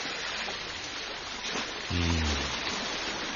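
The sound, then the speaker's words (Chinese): A steady, dense rush of water roars without pause throughout: a swollen, flooding river outside a city wall in May, risen almost high enough to submerge the city tower. A brief low droning tone rises out of it partway through. “莫非河水泛滥？”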